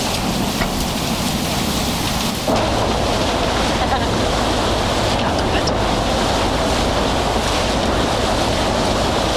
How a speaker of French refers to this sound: Ça, c'est le bateau qui mène de l'Estac au vieux port de Marseille. La navette.